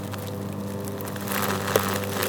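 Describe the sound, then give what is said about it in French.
A leaf-shredding machine drones steadily with a low, even hum as it shreds leaves. Its grinding, rushing noise grows a little louder partway through, with no one speaking. “La machine qui broie les feuilles.”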